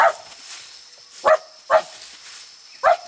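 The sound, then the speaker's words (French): A small dog barks four times in sharp, separate yaps with irregular pauses between them, fairly loud, with no one talking. “Ce chien n'en fait qu'à sa tête.”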